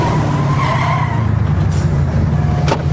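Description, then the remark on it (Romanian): A car engine rumbles loudly, while a thin high squeal of tires skidding rises over it and fades, ending with a short sharp thump. “Oprește mașina sau sar din mers, am zis.”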